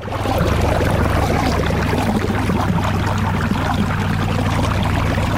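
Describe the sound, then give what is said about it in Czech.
Water gushes steadily from an inlet into a large, still-empty pool at the outdoor swimming pool in Brandýs nad Orlicí, Czech Republic, being filled for the bathing season: a loud continuous rushing and splashing with a low resonant hum underneath, without any voices. “A voda už začíná přitékat právě teď ze vpusti.”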